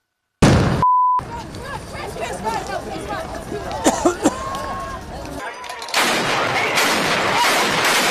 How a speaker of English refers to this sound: Now, over the weekend, hordes of left-wing insurgents showed up there in costume with helmets, shields, gas masks, while others set off fireworks, getting ready for America 250, and then they threw rocks aimed at police.